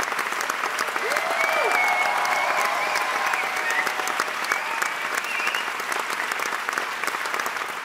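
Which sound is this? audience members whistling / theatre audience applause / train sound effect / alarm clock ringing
theatre audience applause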